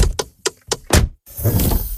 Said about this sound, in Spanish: Así suena la Volkswagen Caddy e-Hybrid.